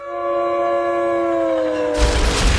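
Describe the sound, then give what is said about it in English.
A loud, sustained train horn blares with a steady chord for about two seconds, then gives way to the heavy rumbling roar of a train rolling past, loud, with no talking; a train effect for the KQ Train Wreck show on Classic Rock 95 KQDS radio. “The KQ Train Wreck is your number one choice on your way home.”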